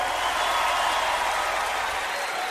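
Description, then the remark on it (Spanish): A crowd of people applauds steadily, a dense, even wash of many hands clapping at once with no pauses, fairly loud throughout. “Aplaudan que se acabó.”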